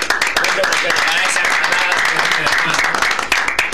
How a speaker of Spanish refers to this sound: Bien, un aplauso, por favor.